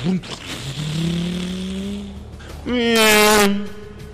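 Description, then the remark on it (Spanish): A motorcycle engine revs with a steadily rising pitch, then roars louder in a second, harsher burst before fading as it pulls away. “Vaya usted, adelante en la motocicleta.”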